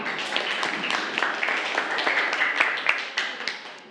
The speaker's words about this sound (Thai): อ๋อนี่ก็เป็นอีกหนึ่งเหตุผลนะครับปรบมือปรบมือเพื่อน